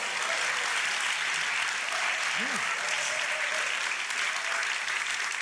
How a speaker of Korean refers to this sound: 박수를 쳐주실 거면 조금 더 크게 쳐주시면 좋겠습니다